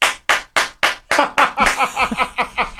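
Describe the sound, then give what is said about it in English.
A steady run of sharp, loud hand claps at an even pace, then the clapping grows quicker and denser, like more hands joining in. No voices are heard. “I mean, we're showing appreciation by smacking our hands together to make noise.”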